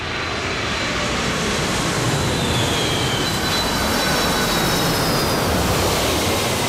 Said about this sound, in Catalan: Es passen el dia mirant com s'enlairen i com aterren els avions.